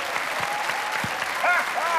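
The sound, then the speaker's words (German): A crowd claps in a dense, steady wash of applause for about two seconds, with a few voices and rising cheers or whistles cutting through toward the end. “Applaus, Applaus, ja!”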